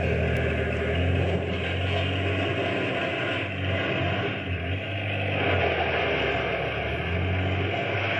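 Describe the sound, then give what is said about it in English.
A small boat's engine rumbles steadily and loudly throughout, with a rough, grinding wash of noise on top as the hull smashes through ice toward a harbor. No one speaks. “I did like the Doc told me, and that little boat, well, somehow got through the ice and finally made the harbor.”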